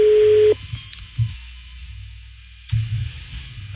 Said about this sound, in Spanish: Está sonando el teléfono de las grúas, güey. No contestan.